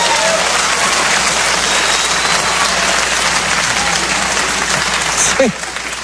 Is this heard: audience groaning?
yes